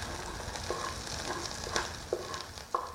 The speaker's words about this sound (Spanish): Freímos el poro y la cebolla.